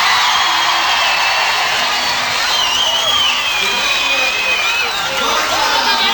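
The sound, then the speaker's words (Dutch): A crowd applauds a band standing on stage, loudly and steadily for about six seconds, with cheers and a few rising whistles and whoops cutting through the dense clapping. “Geef ze een applaus.”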